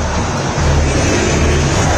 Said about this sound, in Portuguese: Iremos a 50, a torcida do Cruzeiro canta. Você ouve ao fundo o som da Bandeirantes, mostra para você. Ouça o Mineirão!